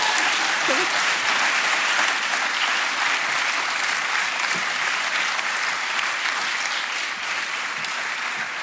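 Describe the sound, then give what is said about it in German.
Sustained applause from an audience welcoming back a guest, a dense, steady wash of many hands clapping at an even, fairly loud level for several seconds, with no talking over it. “Dein Applaus nochmal.”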